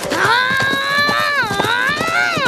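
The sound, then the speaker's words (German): Horses' hooves clip-clop in a quick, steady rhythm at moderate loudness as a father and son ride away on their horses from outside an office, overlaid by a sustained, wavering tonal sound like music or a drawn-out whinny. “Beleidigt verlassen Vater und Sohn das Büro und steigen draußen auf ihre Pferde.”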